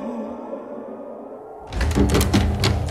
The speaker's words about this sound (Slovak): Prečo búchaš, človeče potulný? Hlúpa otázka! Búcham, lebo chcem do mesta!